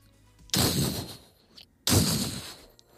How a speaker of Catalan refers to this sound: Això són els passos. No, i trepitja fort.